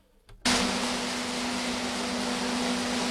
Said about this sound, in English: The loud rumble of thousands of macadamias echoes from a packing shed surrounded by North Queensland sugarcane fields.